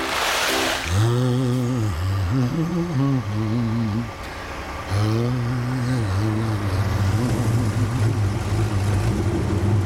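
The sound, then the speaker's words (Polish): The heavy engine of a truck with a cement mixer rumbles, its pitch rising and falling as it revs in repeated surges over a steady mechanical drone, with a brief dip before it picks up again. “Nakladné auto? A miešala.”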